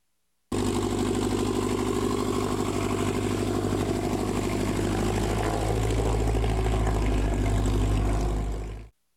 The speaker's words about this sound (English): And motors buzzing in northeast Nebraska this morning for the fly-in breakfast. It was part of the Experimental Aircraft Association Chapter 569 event.